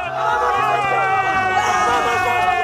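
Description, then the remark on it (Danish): A packed crowd of Spanish fans, dressed in Spanish colours and mini sombreros, cheers loudly, many voices merging into one steady, continuous roar with sustained chanting tones running through it for nearly three seconds. “Det, man så ikke hørte, det var det tidspunkt, hvor hun ikke rigtig kunne få noget igennem der fra sin plads mellem en masse jublende spanier.”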